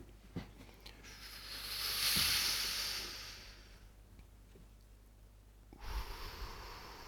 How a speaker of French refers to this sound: Expiration. On inspire. Et on expire. Et on expire. On inspire.